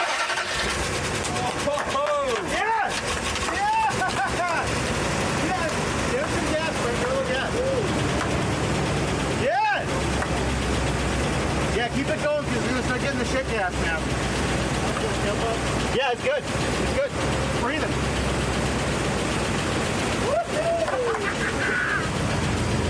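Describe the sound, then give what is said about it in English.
A vehicle engine, housed inside the cab with its doghouse cover open, drones steadily and loudly throughout, a broad rumbling hum, while voices talk over it at intervals. “Get a little dirty because it blew all over me because like the engine's in the cab, which makes no sense to me.”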